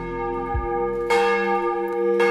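church bells ringing

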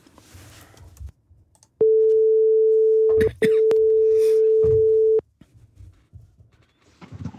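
telephone ringback tone

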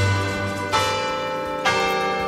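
church bells ringing

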